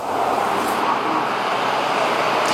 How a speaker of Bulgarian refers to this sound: интензивен трафик, тапи и огромен наплив от автомобили към големите градове. Виждате каква е ситуацията към мен? Всички тези коли се движат по автомагистрала Тракия и са се насочили към София в последния от поредицата почивни дни.